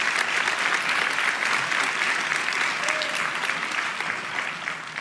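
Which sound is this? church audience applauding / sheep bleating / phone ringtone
church audience applauding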